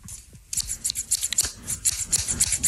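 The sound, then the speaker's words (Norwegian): Scissors snip rapidly in a steady, rhythmic run of crisp metallic cuts, played as a jingle, starting after a brief quiet moment and continuing throughout with no voices. “Og da, Vignett, jeg har en saks her.”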